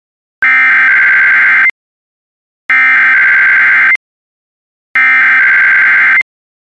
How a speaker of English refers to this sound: This is a test of NOAA radio's warning alarm device and is being run in conjunction with a routine weekly test of the emergency alert system.